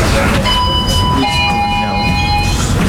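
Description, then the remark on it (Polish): Train brakes release inside a rumbling rail car, a steady high whine holding for a couple of seconds and shifting pitch midway over a constant low mechanical roar. “Puściły hamulce.”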